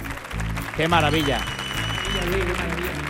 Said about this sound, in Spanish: Un número, yo creo que importante, un número con premio que se merece este aplauso de nuestro maravilloso público.